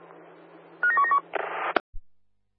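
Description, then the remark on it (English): A radio duress alarm: a quick run of about five sharp electronic beeps at alternating pitches over a low hum, then a burst of hissing static ending in a click. “did you get that duress alarm?”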